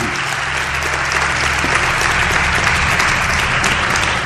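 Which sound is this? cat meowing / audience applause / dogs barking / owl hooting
audience applause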